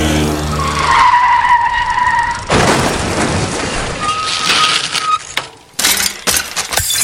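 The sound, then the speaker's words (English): A loud, high tyre squeal as a motorbike skids for a couple of seconds, then a harsh crash as it collides with a woman on a bicycle, followed by scraping, sliding noise and a few sharp clattering impacts as the motorbike's mirrors shatter. No voices. “scoop it up and her on top of itself in an explosion of glass from the motorbike's mirrors”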